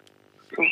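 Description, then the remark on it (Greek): Pet birds kept at home let out a sudden burst of bright, loud chirping that fills the second half of the short moment after a faint, quiet start, with no voices. “Α, ακούω εκεί τα πουλιά που έχεις στο σπίτι.”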